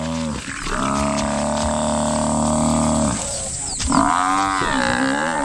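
Three lionesses roar as they bring down an African buffalo: a long, loud, sustained roar with rich deep harmonics, then a brief pause and a second wavering call. No one speaks.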